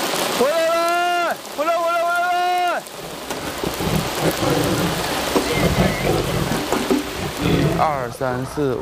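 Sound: rain falling with thunder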